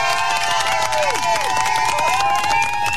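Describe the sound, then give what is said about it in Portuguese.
A loud, steady burst of crowd applause with cheering and sharp whistles swooping over dense clapping, sustained evenly for a few seconds. “Palmas, palmas pro mano, gostei da ideia.”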